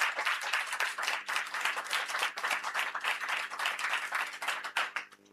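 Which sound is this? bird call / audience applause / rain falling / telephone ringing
audience applause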